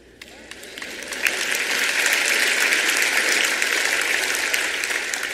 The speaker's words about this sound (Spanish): No quiero aplausitos de bebé hoy, quiero que aplaudan fuerte, amén.